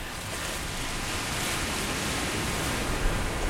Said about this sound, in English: I'm headed to the Pacific Ocean. Wow. Big whitecaps crashing in and sea stacks behind.